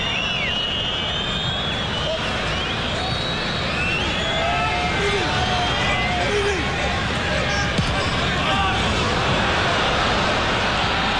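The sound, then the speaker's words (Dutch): A large stadium crowd at a football match roars and shouts continuously, a dense wall of voices with whistles and calls rising above it, loud and steady throughout. “Bal kwam van het lichaam van Popescu, dus het publiek roept voor niks.”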